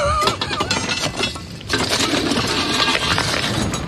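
Heavy sledgehammer blows strike metal again and again, ringing clanks landing in quick succession amid a dense, clattering din, loud with no voices.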